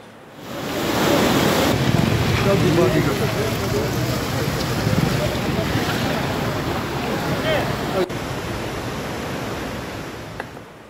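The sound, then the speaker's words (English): A loud, continuous roar of rushing floodwater mixed with heavy rain in Pooch, where rivers and streams overflowed, water entered homes and submerged fields in the Adi area; steady for the whole stretch, easing slightly toward the end. “Visuals now coming in from Mahinder in Pooch now show a flood-like situation and heavy rain, causing rivers and streams to overflow.”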